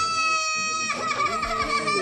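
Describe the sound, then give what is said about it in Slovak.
A boy wails and sobs, his voice rising in a long, strained, harmonic cry before breaking into choppy, gulping sobs. “Prestaň smokliť.”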